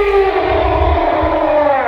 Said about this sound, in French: La vache.